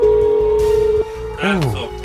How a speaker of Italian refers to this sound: Terzo squillo. Ocio. Nulla di fatto. Quinto ed ultimo.